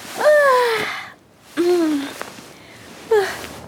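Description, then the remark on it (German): A big, breathy yawn on waking early in the morning, with a voice sliding downward in pitch, followed by two shorter yawning sighs, all clear with quiet pauses between them. “Früh am Morgen wacht Conny mit einem großen Gähnen auf.”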